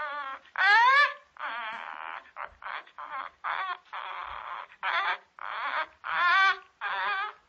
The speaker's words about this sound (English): The bird was cooing and gurgling